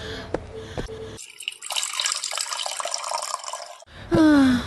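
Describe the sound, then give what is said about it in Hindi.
Water runs from a tap in a steady hiss for about three seconds, preceded by a few light clinks and followed by a brief, louder tonal sound; water being fetched for someone to drink. “ठहरो ठहरो माई, मैं अभी पानी लाता हूँ।”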